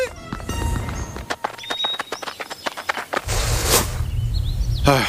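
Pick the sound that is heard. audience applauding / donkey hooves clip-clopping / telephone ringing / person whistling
donkey hooves clip-clopping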